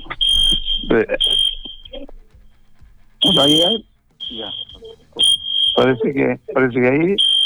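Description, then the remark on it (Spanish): A loud electric buzzer alarm blares during a conference in a harsh, high-pitched steady tone, sounding in several long bursts with short breaks, while people talk over and between the blasts. “La chicharra y la falta de.”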